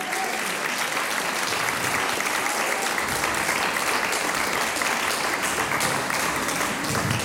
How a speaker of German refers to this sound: Applaus.